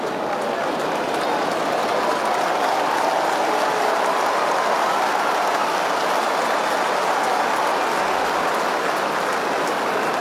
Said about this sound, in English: Big round of applause for the 20-year-old. Game 22 today for him as he makes his way off the ground.